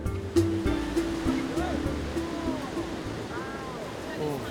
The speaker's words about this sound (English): Look at the waves. Pow! Let's go.